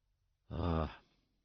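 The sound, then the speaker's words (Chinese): A single heavy, breathy exhale, loud, with a rough voiced quality like a winded pant, made by a person imitating labored breathing, then quiet. “瞧着曾沧海的脸色不对，这阿二就站在一边粗声的喘气。”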